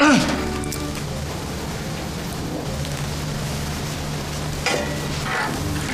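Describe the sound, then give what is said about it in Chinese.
Chili peppers stir-frying in hot oil in a wok, left in after the Sichuan peppercorns were scooped out, give a steady sizzling hiss that runs the whole time, with a low hum underneath and a brief scrape of stirring near the end. “嗯，那行，那你们切菜我来炒，这行吗？”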